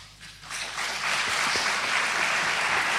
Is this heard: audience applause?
yes